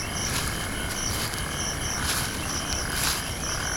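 A dense night chorus of crickets chirping steadily in high, pulsing trills in the grass of the South African savanna early in a still very hot night, with a broad hiss of insect noise filling the background and no voices.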